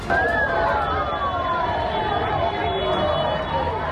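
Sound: sirens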